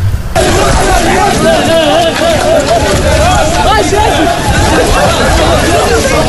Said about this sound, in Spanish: Si les oye correr